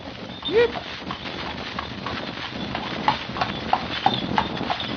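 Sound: horse hooves clip-clopping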